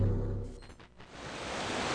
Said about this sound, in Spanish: Guerrero suena a mar, a las olas en la orilla, a brisa que refresca